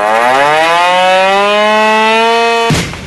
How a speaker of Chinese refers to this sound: 天刚蒙蒙亮，一阵急促的警报声骤然划破营区的沉寂。陆军第83集团军某旅一场全要素战备拉动临机展开。